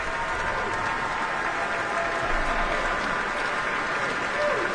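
Sustained, dense applause from a large audience fills the whole stretch, a steady wash of many hands clapping at an even, fairly loud level without pauses or a clear rhythm.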